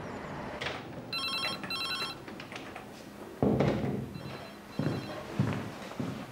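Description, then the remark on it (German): A telephone rings in two short electronic trilling bursts during an outgoing call, then a fainter pair follows, with dull thuds and rustling in otherwise quiet surroundings; no one speaks. “Wir telefonieren mal ein bisschen herum.”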